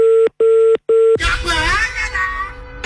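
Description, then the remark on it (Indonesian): Three steady telephone tones beep in quick succession with short gaps, clear, as a phone call is placed again, before a voice cuts in and talks over the line. “Mungkin saya telepon lagi ya.”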